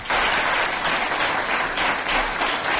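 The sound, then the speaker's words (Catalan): Sustained applause from the public filling the town hall chamber, with all the councillors standing, a dense, steady crackle of many hands clapping at once, loud and continuous with no voices on top, after the council accepted a donation of two buildings. “I la raó d'aquest aplaudiment és que el consistori acaba d'acceptar la donació gratuïta de la filla il·lustre de la vila i Creu Sant Jordi, que feia l'Ajuntament de dos immobles de la seva propietat”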